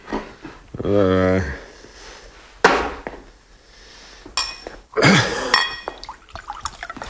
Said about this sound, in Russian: Эрнест грохнул на стойку пустую кружку, выхватил из холодильника бутылку, откупорил ее и наклонил над кружкой.